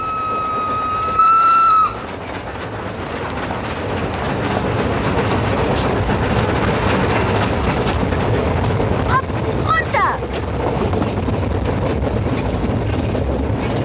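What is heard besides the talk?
train running with whistle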